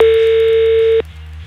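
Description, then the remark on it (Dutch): A steady, loud telephone dial tone as radio station Studio Brussel places a call to a listener for Ticket Tuesday; it hums for about a second, then cuts off abruptly, leaving a faint low background hum. “Maar wie heb ik zo meteen aan de lijn?”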